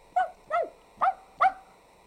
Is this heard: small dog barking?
yes